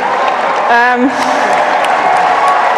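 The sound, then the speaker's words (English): A stadium crowd supporting England at a tournament cheers and applauds in a loud, continuous roar, with one voice letting out a rising whoop early on amid the dense clapping. “And the crowd, you just heard them there.”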